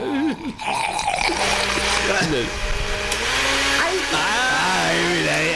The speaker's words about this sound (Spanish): Está bravo por meter las astillas. Las astillas vocalitas ahí adentro, pero bueno, no importa. Sí, la licuadora grande, industrial. Industrial, exacto.